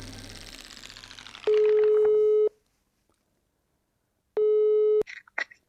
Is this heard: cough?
no